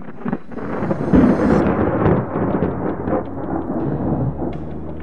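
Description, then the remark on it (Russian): A loud, deep rumble of thunder rolls on and on, swelling early and then slowly fading into a low drone, with no voices present. “и грозу, и молнию, и бурю. И все-все это Он создал.”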